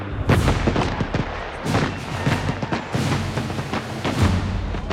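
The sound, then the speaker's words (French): Heavy Prussian cannon fire shelling Paris, with shells reaching people inside the city, booms repeatedly: a rapid barrage of deep blasts and cracks overlapping with rumbling echoes, loud, with no voices. “Les Prussiens sont désormais si proches que les tirs de canon atteignent la population à l'intérieur de la ville.”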